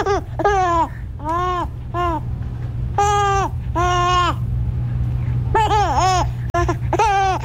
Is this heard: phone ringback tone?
no